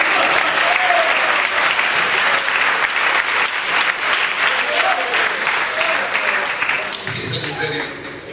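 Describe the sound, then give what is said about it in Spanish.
An audience gives strong applause to the Lord, clapping loudly and steadily for several seconds, a dense wash of hand claps with faint voices calling out underneath, tapering slightly at the end. “Dios tiene premio, de fuerte aplauso al Señor.”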